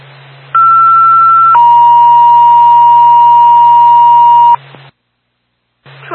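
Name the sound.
radio dispatch paging tone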